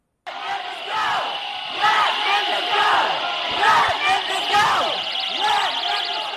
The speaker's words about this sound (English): If you couldn't hear what they were saying, they're shouting, let Memphis go.